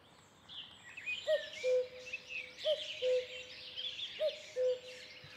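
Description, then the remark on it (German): A cuckoo calls its two-note cu-coo three times in steady rhythm, the second note a little lower than the first, while other birds chirp and twitter continuously in the background. “Den Ruf eines Kuckucks, den vergisst man nie.”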